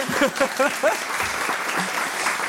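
The audience of a weekly show applauds in a dense, steady wash of clapping that lasts the whole clip, welcoming a co-host, with a voice talking over it in the first second.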